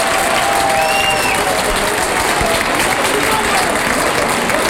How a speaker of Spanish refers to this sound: Rompe la ovación.